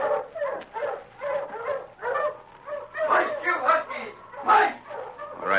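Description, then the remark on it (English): A pack of husky sled dogs on a trail in the cold, barking and yipping excitedly, their overlapping calls coming in quick, continuous bursts, fairly loud. “Come on before them dogs run off. Ho, you huskies!”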